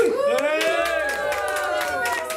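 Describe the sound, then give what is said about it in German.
A crowd of children cheers loudly together to congratulate a classmate on his 10th birthday, many high voices overlapping in a sustained, excited shout that holds steady for a couple of seconds, with a few scattered claps mixed in. “Und jetzt dürft ihr mal alle ganz, ganz laut sein und ihm gratulieren, indem ihr jubelt.”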